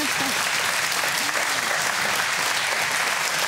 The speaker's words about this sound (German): Das gibt doch mal einen Applaus, oder?